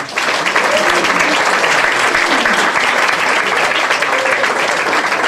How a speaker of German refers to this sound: Und jemand, der es auch trotz Bombe zu uns geschafft hat und heute hier für die Musik sorgt und einen großen Applaus dafür verdient.